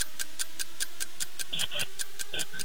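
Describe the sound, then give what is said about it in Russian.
Someone mimics a microwave that has just heated soup, with steady, evenly spaced ticking clicks like a turning timer, broken by a few short, high-pitched beeps toward the end. “Микроволновка, которая только что разогрела суп.”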